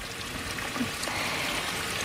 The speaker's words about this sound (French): mais j'aime beaucoup aussi le son, le chant des oiseaux et le son des petits ruisseaux qu'on peut traverser tout au long de cette balade.